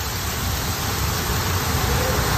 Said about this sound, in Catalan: D'entrada, la pluja, que ja no només és una previsió.